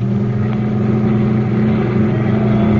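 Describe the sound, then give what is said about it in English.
A heavy milk truck engine drones steadily and loudly throughout, its low rumble holding a constant, straining pitch as it pushes ahead at speed. No voices are heard. “He'll squeal and cops will spot this milk truck a mile away.”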